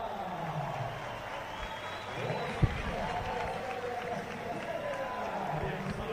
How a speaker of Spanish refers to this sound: Bueno, pues ovación para Enric Mas, que va a salir al podio, repito, es como para no estar feliz de la vida.